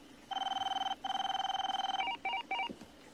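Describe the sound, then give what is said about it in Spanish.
An electronic telephone rings with a fast warbling trill in two long bursts as the kidnapper calls back and Sabian answers, then a few short clipped beeps as it cuts off. It is fairly loud and clear, with no one speaking. “Va a llamar.”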